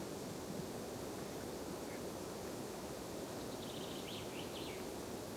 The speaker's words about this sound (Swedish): Ganska tyst här uppe på den långsträckta bergsplatån. Men nu tycker jag ändå att det kommit igång lite fågel och vind.